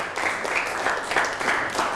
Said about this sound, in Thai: นั่งลงครับปรบมือให้กับเพื่อนครับ